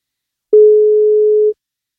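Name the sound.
phone call ringing tone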